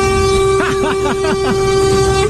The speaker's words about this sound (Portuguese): Buzina, não, não vai embora, não, né?